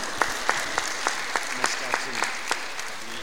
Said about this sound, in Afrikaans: So ons sê vir julle dankie vir wat julle vir ons gedoen het. Kan julle julle self 'n lekker hande klap gee?